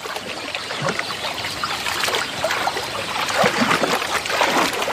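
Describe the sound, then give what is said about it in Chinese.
River water trickles and sloshes steadily around hippos soaking in a cool river in Central Africa on a hot morning, a continuous babble of small splashes that swells slightly louder toward the end, with no voices present. “与其承受高温，不如把自己泡在凉爽的河水里。”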